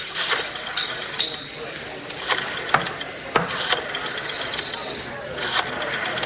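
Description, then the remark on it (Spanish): A rotary telephone dial is turned and spun back several times, each return a quick run of ratcheting clicks, over a steady hiss of background noise with faint murmuring. “Ah, y me permite el teléfono, por favor.”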